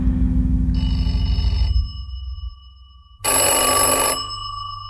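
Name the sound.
telephone ringing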